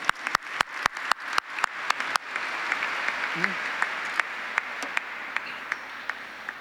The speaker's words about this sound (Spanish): un aplauso para ellos también, por favor.